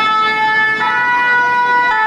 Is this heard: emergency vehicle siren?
yes